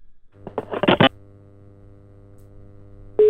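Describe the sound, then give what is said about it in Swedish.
A quick burst of telephone dialing beeps as a radio station calls a man at his home, then a steady low electrical hum and a brief pause before a loud, even ringback tone starts right at the end. “Nå ringer vi, nå skal vi høre om han tar telefonen.”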